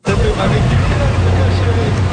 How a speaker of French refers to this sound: Un bateau accoste une dernière fois cette saison au quai de Lance à Beaufils, près de Percé.